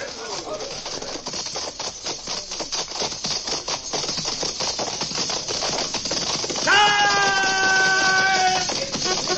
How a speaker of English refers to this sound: We stampeded their horses.